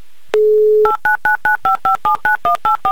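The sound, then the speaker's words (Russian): The telephone number of a woman in Moscow is dialed with DTMF tones: a short steady dial tone, then eleven crisp two-tone beeps in a quick, even rhythm, loud with no talking. “Прямо сейчас, Ксения, я наберу ваш номер телефона”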